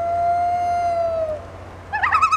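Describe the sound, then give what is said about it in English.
A common loon gives one long, steady, mournful wail that slides down and fades, followed by a brief burst of busy chirping near the end. No one speaks. “This is WSHU's Birdsong Break, and with spooky season officially here, we're highlighting some more hauntingly beautiful bird songs this month, starting with the common loon.”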